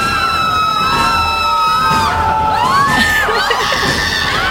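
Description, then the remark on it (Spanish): A lively radio studio crowd on the program El Cosita Sibara cheers and claps continuously as its Patrimonio Cultural prize is presented, with high-pitched whoops and little shrieks rising over the steady roar of applause, loud throughout. “Ahí te Cosita, ya te asignamos el fuerte los aplausos, por favor, no me dejen sola. Ahí está. Pueden grititos también, por favor.”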